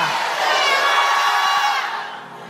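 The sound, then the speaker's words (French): A large group of voices shouting and cheering together in a loud, sustained roar, like an audience crying out "hallelujah" in unison in the name of Jesus, tapering off slightly toward the end. “Levez même crier alléluia.”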